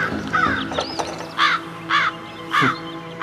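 Several harsh crow caws ring out in a steady series, loud, with a few softer bird calls and rustling between them and no one speaking.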